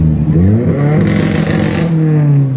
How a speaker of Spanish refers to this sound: Qué carrito es esta belleza. Nissan 200 SX. Ah, bacán. ¿De qué modelo? Nissan 200. Nissan 200 SX 1981. A lo rugir.